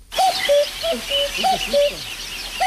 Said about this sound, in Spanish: A nadie le está sonando el despertador, es un cuco, ¿vale? Sonó un cuco que hacía desde que no, desde que él vivía en el Tíbet no lo había oído